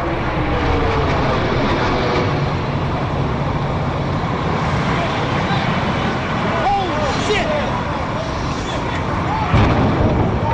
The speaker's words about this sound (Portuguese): vai mudar daqui a 46 minutos, no momento em que este avião, que saiu agora de Boston, chocar com a Torre Norte do World Trade Center.